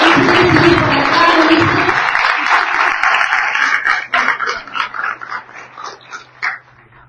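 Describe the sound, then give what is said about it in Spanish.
An audience applauds a Radio Nacional announcer as he is called up at a public event, in a loud, dense burst of clapping for about four seconds. It then thins into scattered, uneven claps and fades out, with a faint steady low hum underneath. “Un aplauso para nuestro vecino.”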